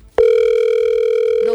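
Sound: telephone ringing tone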